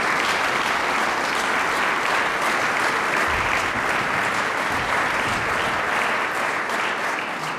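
A crowd applauds warmly, steady dense clapping that stays loud and even throughout without letup, with no voices standing out above it.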